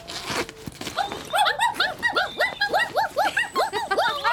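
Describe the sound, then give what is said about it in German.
Three puppies inside a bag lying in the middle of a road whimper and squeal together in a busy, overlapping chorus of high, rising-and-falling cries, fairly loud, continuing steadily with no talking. “Ja, was seid ihr denn für süße Hundebabys? Eins, zwei, drei kleine muntere Kerlchen.”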